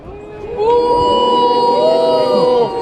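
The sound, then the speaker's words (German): A crowd boos loudly in a long, sustained chorus of low, droning voices that swells in after a moment, holds steady for about two seconds, then drops away. “So denn, werdet ihr auch noch Bu rufen, wenn ihr in der Hölle röstet?”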